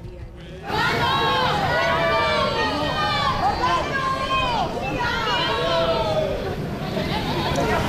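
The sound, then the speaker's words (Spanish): A crowd of fans in Donostia erupts into loud, sustained screaming at Orlando Bloom's arrival, asking for selfies, many shrill high-pitched voices overlapping and rising and falling, with excited shouting mixed in after a brief quieter moment at the start. “Pues esos gritos, mucho grito, pedían selfie, como estos jóvenes con los que hablábamos previamente y nos decían, sabemos muy bien lo que le vamos a pedir.”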